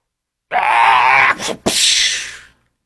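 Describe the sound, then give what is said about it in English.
A person imitates an otter with a loud, raspy, strained squeal lasting about two seconds, broken by a brief catch in the middle before trailing off. No other sounds accompany it. “That was my little stupid otter noise.”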